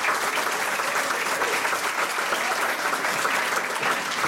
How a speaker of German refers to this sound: Und ich freue mich sehr, dass der Schauspieler Jan Kraute nach wie vor mein Gast ist. Nochmal einen herzlichen Applaus, bitte.